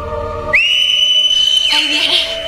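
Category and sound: sound effect, eerie whistling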